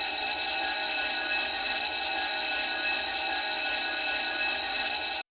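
An electric school bell rings loudly and continuously, a harsh metallic clatter holding steady for about five seconds before cutting off abruptly. No voices are heard.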